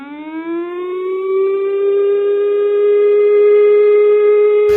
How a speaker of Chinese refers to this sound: 中部地区城镇韧性演习下午登场，其中有国内首度实施的行动网络降速项目，不仅行动支付受到影响，就连拿实体卡片感应支付停车费也会出现错误的讯息。请听报道。 下午2:30，警广台中分台今年首度在频道上配合播放演习开始的警报声。